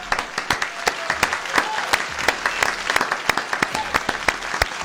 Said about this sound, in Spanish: Bueno, y estamos al aire nuevamente y vamos a recibir con un fuerte aplauso a nuestro invitado del día de la fecha.